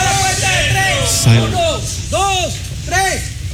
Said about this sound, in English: The motorcycles turn off their engines, the workers put down their hammers, and one of them, three stories up, screams into the large void in the middle of the rubble. We're the rescue crew. If you're alive, make some noise.